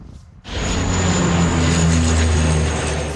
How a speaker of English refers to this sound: Water dumping planes are being used for the first time ever in the areas surrounding Paris.